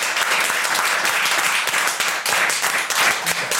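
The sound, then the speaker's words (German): Dense, sustained applause from a large crowd at the Rathausplatz on the day of the Song Contest final, applauding the helpers who prepared the event: a steady wash of many hands clapping at once with no breaks across the whole stretch, loud and even throughout. “Deshalb großer Applaus, vielen Dank an euch alle.”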